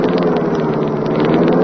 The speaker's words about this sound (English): Rick Reed pressed a button. The great car roared into life.